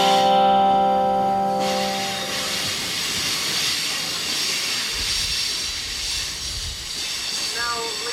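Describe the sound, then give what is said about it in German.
A train travelling inland past the Coast Mountain Range rolls along steadily under a broad, continuous hiss like venting steam, opening with a long sustained whistle tone that fades after a second or two, with low rumbling throughout. “Je weiter der Zug ins Landesinnere fährt, desto stärker wechselt die Landschaft.”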